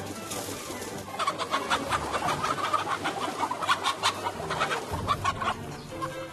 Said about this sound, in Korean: 세상 당연한 일인데 어쩌면 그토록 까맣게 잊었을까요? 닭이 이렇게 날수 있다는 사실 말입니다.